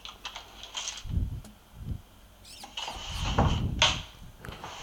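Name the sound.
drawer being pulled open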